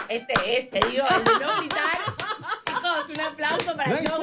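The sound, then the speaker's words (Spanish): A handful of sharp hand claps ring out at uneven intervals, mixed in with lively overlapping talk and some chuckling. “Chicos, un aplauso para el no grito.”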